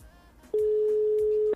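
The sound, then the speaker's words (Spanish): A telephone ringing tone sounds once as a steady, loud electronic beep lasting about a second, rising abruptly out of a faint background murmur, as a radio host calls a contest candidate who does not pick up. “Llamo en este momento al candidato.”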